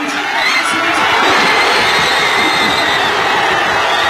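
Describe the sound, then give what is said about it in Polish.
A dense roar of Croatia football fans cheering an equalising goal in the 13th minute of stoppage time, a goal later disallowed for offside after VAR review. Loud and sustained for the whole stretch, a broad wash of many shouting voices with no single words standing out. “To kibice Chorwacji, którzy cieszyli się na wyrównanie w 13 minucie doliczonego czasu spotkania.”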